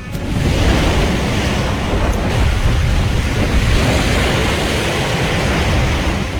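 Strong wind roars steadily while high waves surge and crash against a ship's bow from the west-northwest (ponente-maestral), a dense, continuous rush of loud noise with no pauses and no voices.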